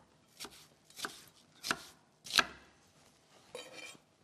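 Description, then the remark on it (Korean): A knife chops onion into larger pieces on a cutting board in about five slow, evenly spaced thuds, each a sharp crisp knock with a faint scrape, with no talking and only quiet background between strokes. “양파도 이제 금방 익는 재료이기 때문에, 네, 사이즈는 조금 더 크게 제가 잘라주도록 하겠습니다.”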